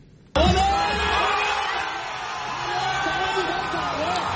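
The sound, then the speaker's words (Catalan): A loud crowd of thousands of Palestinians in Ramallah, West Bank, erupts suddenly into sustained cheering and shouting, celebrating Egypt's two goals in a football match against Argentina, many voices yelling and whooping together in a dense, continuous roar that stays strong throughout. “Perquè amb aquests crits, milers de palestins des de Ramallah a Cisjordània celebraven els dos gols d'Egipte en el partit que estem explicant.”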